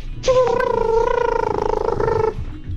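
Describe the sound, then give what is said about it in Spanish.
An elephant trumpets once in a sustained, fairly high-pitched, brassy call lasting about two seconds, holding steady with a slight waver before cutting off over a low background rumble. “A ver, escuchen este elefante, a ver qué tal.”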